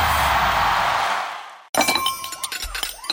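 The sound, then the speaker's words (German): A broad rushing crash gives way to a burst of clinking and shattering crockery, plates and cups clattering and breaking with scattered sharp ringing hits that trail off. “Menschenskinder, scheppert doch nicht so mit den Tellern und den Tassen, ihr Lieben.”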